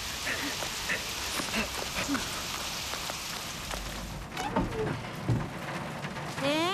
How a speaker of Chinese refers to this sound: 哥，下雨了怎么办呀？ 走，我们去屋檐下躲躲雨。